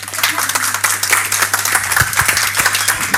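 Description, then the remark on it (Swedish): A crowd applauds steadily, a dense patter of many hands clapping at once with sharp individual claps standing out, fairly loud throughout with a low steady hum underneath. “Jag tycker det är en stor applåd.”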